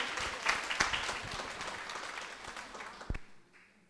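An audience breaks into warm applause, a dense, steady patter of many hands clapping that holds for about three seconds before quickly dying away into near silence.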